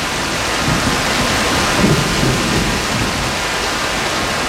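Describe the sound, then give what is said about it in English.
Heavy rain pours down in a dense, steady hiss, with a low rumble of thunder swelling briefly partway through. No one speaks. “we all ended up, without any planning, just sitting there and letting the rain take us, sitting in the middle of this beautiful place.”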